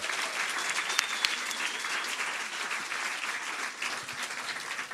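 Steady audience applause fills the whole stretch, a dense wash of many hands clapping at an even level with a few sharper individual claps poking through, and no voices on top.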